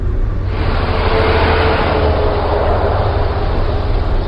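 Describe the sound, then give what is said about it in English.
Heavy highway traffic in Houston roars steadily and loudly, six lanes packed with cars beneath stacked overpasses, a dense unbroken wash of engine and tire noise, with no voices and no gaps. “Driving through Houston is a reminder that the car is still king. Six lanes are blocked with cars, stacked overpasses dangle above.”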